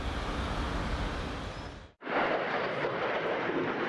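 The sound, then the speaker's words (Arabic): An American THAAD interceptor missile launches over Tel Aviv to intercept an Iranian ballistic missile, roaring loudly and continuously, a dense rushing blast that drops out abruptly for a split second midway, then surges back just as powerful. No voices are heard. “صاروخ ثاد الأمريكي ينطلق في سماء تل أبيب لاعتراض صاروخ باليستي إيراني.”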